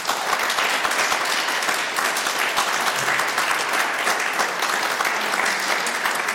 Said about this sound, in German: Vielen Dank und einen herzlichen Applaus.